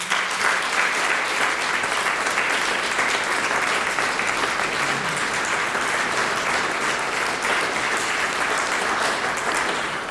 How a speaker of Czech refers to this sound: a tak vás poprosím o potlesk právě pro ní